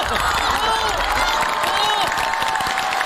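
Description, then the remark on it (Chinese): A group claps and cheers together, a dense, steady patter of hands mixed with high whooping voices that holds at a constant loudness for about three seconds, applauding what the coach has said. “教练说的非常好，鼓掌。”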